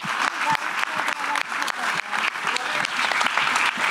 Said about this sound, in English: 6, 7. Okay, excellent. Round of applause, guys. Excellent.